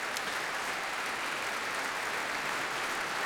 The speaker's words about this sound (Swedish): Och här kommer också hela stråksektionen på benen. Och Robin Ticciati är på podiet och tar emot applåder.